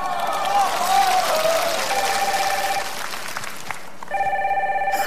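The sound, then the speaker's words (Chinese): A telephone rings in repeated bursts of bright, trilling electronic tone, each lasting about a second, over a steady wash of crowd chatter and clapping-like noise; it is an incoming call from a dance partner. “我舞伴给我来电话了。”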